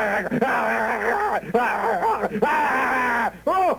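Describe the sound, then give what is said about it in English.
A person's voice imitates an animal's frantic, attacking yell: a loud run of strained, wavering cries and screeches in quick bursts lasting several seconds. “So he would come, all of a sudden, he'd come bursting out, and he would just, you know, that kind of frantic yell.”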